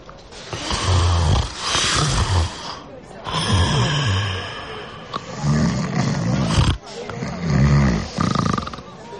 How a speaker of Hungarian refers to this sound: már horkol.